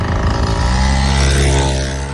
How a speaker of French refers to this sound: Mobilette. Ouais, j'allais dire moteur quand même. Ouais, mobilette, c'est-à-dire que ça pollue beaucoup, mais en même temps, on pouvait faire des kilomètres et des kilomètres, une invention des années 40.